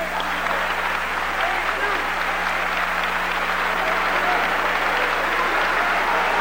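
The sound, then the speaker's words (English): Sustained audience applause for the 1997 award recipients, a dense, even wash of many hands clapping that holds steady and loud for several seconds without a break. “In our 1997 award recipients, give them another warm round of applause.”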